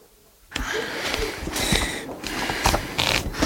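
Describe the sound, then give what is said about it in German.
Book pages riffle quickly as they are flipped through fingers, a continuous run of soft, papery flutters, fairly loud, starting abruptly after a short near-silence and lasting about three seconds. “Doch als er die Seiten durch seine Finger blättern ließ”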